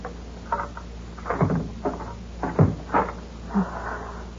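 A door is unlocked and opened: a run of short clicks and knocks, a rattling scrape of the lock, then a soft creak and thud as the door swings, with no talking.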